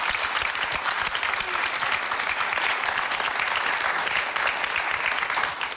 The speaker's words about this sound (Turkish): bir alkış